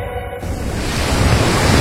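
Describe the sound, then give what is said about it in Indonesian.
Ocean waves wash onto a beach with a wide, calm-looking sea, in a steady, full-bodied roar of surf that swells louder after the first half second and stays continuous. “Pantai ini indah sekali ya Bu Tuti. Lautnya terlihat tenang, luas.”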